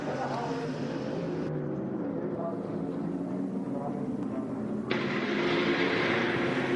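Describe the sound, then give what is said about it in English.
A race car engine roars steadily as the car pulls into the pit lane toward the Mawler Motorsport pit, coming in for a driver change and new tyres. Its loud, droning growl fills the scene and swells slightly near the end. “The car's coming towards you, Sarah.”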